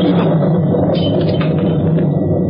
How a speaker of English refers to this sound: Well, a bit nervous, Grano? Don't like the thunder.